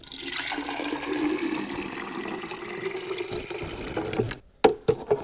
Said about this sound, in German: Hat einen Wassertank. Da muss man jetzt mal eben ein bisschen Wasser reintun.